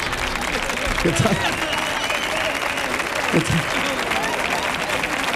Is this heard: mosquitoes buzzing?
no